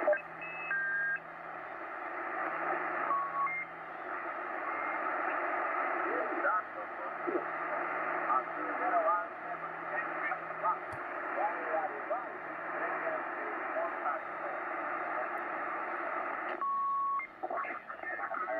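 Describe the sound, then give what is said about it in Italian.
Shortwave radio static with garbled, distorted sideband voices from amateur radio operators, heard on a receiver switched to sideband mode, a steady hiss filling the band and occasional brief whistles and tones poking through. “E quindi ne abbiamo tante di trasmissioni di radioamatori su questa banda, vediamo un po'.”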